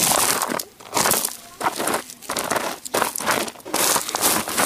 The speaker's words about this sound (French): Des cailloux.